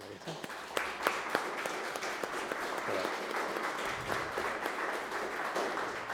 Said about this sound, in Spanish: ¿Le damos un aplauso?